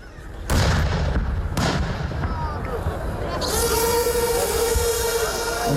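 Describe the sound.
Several heavy booming artillery blasts ring out at the start during a military exercise, followed by a sustained roar of rumbling noise and a steady mechanical whine, with a voice faintly audible underneath.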